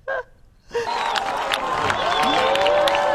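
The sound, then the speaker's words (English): A large crowd of onlookers in Europe clamors and cheers while watching a total solar eclipse on a Wednesday evening, a dense, sustained wash of many overlapping voices, starting abruptly after a brief sound and staying loud until the end. “Crowds of people gathered across Europe Wednesday evening to catch a glimpse of the total solar eclipse.”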